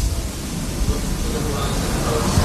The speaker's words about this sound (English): But a lot of eager spectators to see, yes, the ships on the water, but the planes flying overhead. And I'll stop yammering here for a moment as we watch those planes fly by.